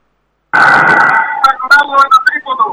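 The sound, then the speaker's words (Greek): A referee's loud, sustained whistle blast during a basketball game with Aris leading 71-38 starts abruptly and holds for nearly a second, then breaks into shorter, choppier tonal bursts that keep going to the end. “Έχουμε σφύριγμα”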